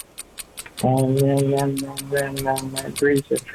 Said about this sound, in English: I've got the stop clock, and here we go. In 3, in 2, in 1.